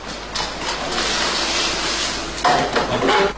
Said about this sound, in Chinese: 伴随着锅中的低声吟唱，红彤彤的苹果欢悦跳动，让红韵升腾不已。